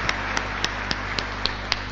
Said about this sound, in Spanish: Vamos a ofrecerle un fuerte aplauso, por favor. Que tenga una bendecida noche.